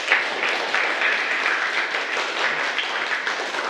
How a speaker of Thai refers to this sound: ปรบมือให้กับตัวเองสำหรับวันนี